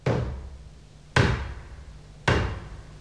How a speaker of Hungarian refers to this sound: Kopognak, menj! Tán helytartói küldönc.